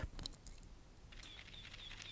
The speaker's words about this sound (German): Gerade hatten wir schon das Geräusch einer analogen Schreibmaschine und auch das Geräusch, wenn eine Kamera Klick macht. Das ist heute nicht mehr so sehr verbreitet. Das ging ungefähr dann so.